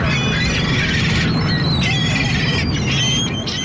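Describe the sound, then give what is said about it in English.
Several seagulls squawk and cry in overlapping, shrill calls over a constant rumbling background like wind or surf, the birds sounding fairly close and loud throughout. “I liked having an opportunity to take a lesson from a seagull about just coasting around while the sun is nice.”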